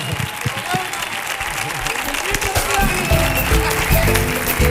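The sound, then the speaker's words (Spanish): A loud, sustained ovation on the show del Comandante Lara: dense, continuous clapping from a crowd, with cheering voices mixed in, swelling slightly in the second half and holding steady to the end. “¡Ovación, que suene fuerte la ovación!”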